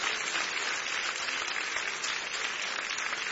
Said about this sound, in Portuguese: Só aqueles que têm esta paz, pode bater mais palmas, né?